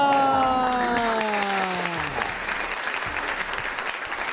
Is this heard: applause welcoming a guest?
yes